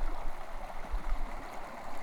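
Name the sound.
flowing stream water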